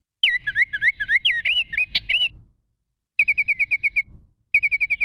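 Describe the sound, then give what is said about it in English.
A Baltimore Oriole sings a loud run of clear, flutelike whistles that swoop up and down, then two quick bursts of rapid repeated notes at one steady pitch, with short silences between. “And one of the first to leave is the Baltimore Oriole.”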